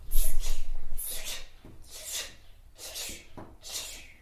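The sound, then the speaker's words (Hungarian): A child imitates a dripping tap with about five short, hissy clicking bursts, spaced roughly a second apart and fading slightly after the first few. “Csöpögős csap.”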